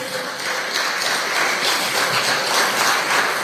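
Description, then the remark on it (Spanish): An audience applauds God steadily, a dense wash of many hands clapping at once, loud and sustained throughout with no voices standing out. “Dele gloria a Dios, dele aplauso a nuestro Padre.”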